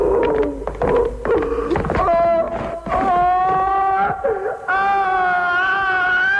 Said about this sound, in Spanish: Pascual es conducido a su ejecución entre gritos, sollozos y empujones. Toda la contención que ha mostrado el personaje hasta entonces deviene, al final, en chillidos, ojos desorbitados y terror ante la inminencia de la muerte.